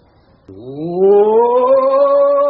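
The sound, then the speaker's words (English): A man's voice imitates a roar: one loud, sustained growling call that rises in pitch and holds for about two seconds, on its own with no talking. “You want me to roar? Well, of course we wish you to roar.”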